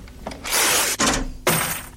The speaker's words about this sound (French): une chanson mythique qui commence par des bruits un peu bizarres, qui sont faits par des pièces qui ont été percées, qui sont jetées par terre, la fameuse caisse enregistreuse, la ligne de basse